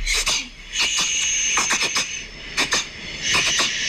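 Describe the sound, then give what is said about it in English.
A cat reverse sneezing, played back from a video recording: bursts of rapid, harsh snorting inhalations repeating in clusters over a steady high-pitched whine, with no one talking. “apparently it's reverse sneezing”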